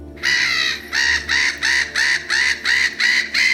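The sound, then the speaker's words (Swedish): A gull calls loudly, a run of about seven harsh, squawking cries in a quick, steady rhythm, with no voices. “Närgångna måsar som snor mat och går till attack, ett växande problem den här sommaren.”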